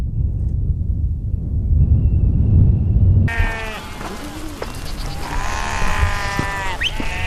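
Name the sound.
flock of sheep bleating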